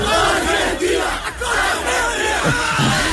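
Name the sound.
football fans celebrating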